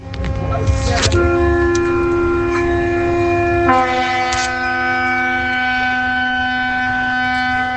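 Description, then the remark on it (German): A ship's horn sounds a long, steady, loud blast with a rich, buzzing harmonic tone, shifting slightly in pitch partway through and holding to the end over a low rumbling background. “Ist das ein Schiff oder so? Ist das? Das ist ein Schiff? Ja. Habt ihr recht, ja?”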